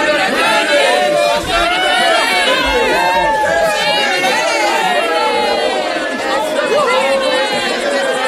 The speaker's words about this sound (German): Jubelte das Volk.